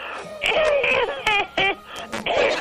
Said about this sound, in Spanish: Bueno, la tos esa no estaba en el chiste. Esa me dio la tos.